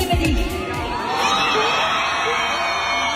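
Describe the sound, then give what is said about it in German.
A large crowd of fans at a concert in the Köln Arena in Cologne, Germany, screams and cheers continuously, a loud sustained roar of high-pitched voices filling the space, with some low thumps at the very start. “Der Kreisch-Counter, der war auf jeden Fall crazy, so laut und alle konnten, alle Tänze, ist ja auch klar.”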